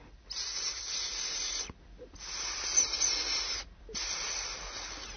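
A pet snake named Rýša hisses quietly into a sleeping boy's ear in three long, breathy bursts, each lasting over a second, separated by brief silent pauses. It is steady and soft, with no voices.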